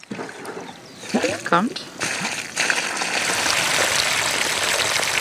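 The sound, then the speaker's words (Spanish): Water sprays from a hose fed by a water tank, simulating heavy rain in a miniature flood experiment, with a steady, loud hiss like a heavy downpour, building after a brief moment of voices and continuing unbroken to the end. “simulará ahora una fuerte lluvia con un tanque de agua y una manguera”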